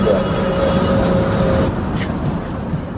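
A paraplegic wheelchair user boards a city bus for a ride from Tukwila to the South Downtown neighborhood in Seattle, amid a loud, steady engine rumble, with a high mechanical whine, like a lift or ramp motor, holding for a second and a half before cutting off.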